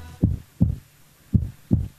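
A heartbeat thumps in two lub-dub pairs, low and steady, with a pause between each pair. No voices, just the deep, muffled pulses.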